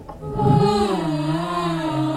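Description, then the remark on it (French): A long, moaning humpback whale call off Réunion, heard from a boat, with rich harmonics slowly bending in pitch, sustained and fairly loud for about two seconds, with no talking. “D'abord, on les écoute, longtemps.”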